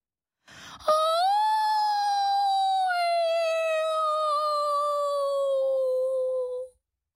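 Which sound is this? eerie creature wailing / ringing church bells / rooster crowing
eerie creature wailing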